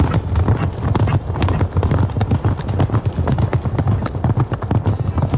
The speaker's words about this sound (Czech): Tenhle pravidelný hluboký zvuk vydává historický vodní mandl v Ratibořicích. Pochází z první poloviny 19. století a dodnes je funkční. Mohutný mechanismus, kdy se sloužil k mandlování plátna a poháněla ho voda z náhonu u Rudrova mlýna.